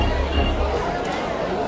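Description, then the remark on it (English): A ballpark crowd groans and jeers in disapproval after a wild first pitch sails behind the Georgia Tech batter's head to the backstop, a steady, dense wash of many voices holding at an even loudness for under two seconds, with no single speaker standing out. “Certainly not intentional, but the crowd did not appreciate it.”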